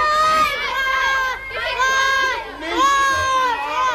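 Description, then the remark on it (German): A group of children cheering and shouting together after all of them have been freed, high-pitched voices rising and falling in three loud bursts with a brief dip between them. “Nachdem alle Kinder befreit waren, gab es natürlich zunächst einmal großen Jubel.”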